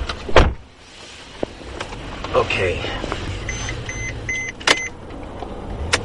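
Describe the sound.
Inside an experimental self-driving Mercedes-Benz sedan in Stuttgart, Germany, before setting off for a drive toward the Autobahn: a low steady rumble, a few clicks and thumps, then a short run of evenly spaced electronic chimes, with someone briefly speaking.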